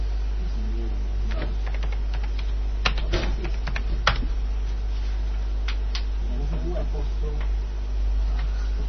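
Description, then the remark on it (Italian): Keys clack on a computer keyboard as the command boot NFS is typed, in irregular bursts, a few sharp louder taps among quicker light ones, over a steady low hum, with faint voices murmuring in the background. “Ha digitato boot NFS.”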